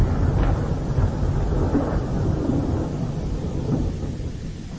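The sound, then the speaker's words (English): A low, heavy rumble of thunder rolls on steadily for several seconds, deep and sustained with a faint hiss of rain or wind beneath it, and no voices. “Thunder growls.”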